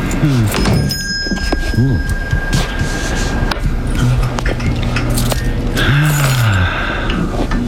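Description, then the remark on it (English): A small shop bell above a door jingles as the door opens, its bright ringing tone lingering and fading, while voices exchange greetings over it. “You realize, of course, there's a more efficient way to let you know a customer has come in than the employment of that small bell above the door.”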